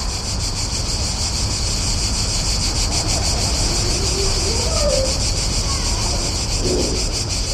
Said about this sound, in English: I've heard the cicada in Bratislava only once before.